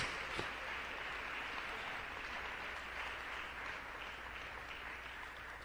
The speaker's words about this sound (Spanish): Démosle un fuerte aplauso al Señor en este día. Oh, gloria a Dios.